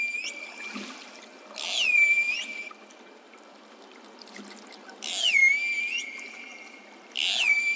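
Pilot whale calls recorded underwater: three bursts of high, squealing whistles with sweeping, bending pitch, separated by short gaps of steady watery hiss, with no voices. A pilot whale is calling the other members of its group to it.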